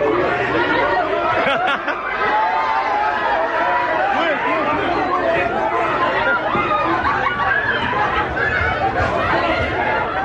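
A large, diverse crowd of people boarding a train to go to the beach on a hot day, many voices overlapping in a steady, loud hubbub of chatter with occasional bursts of laughter and no clear words standing out.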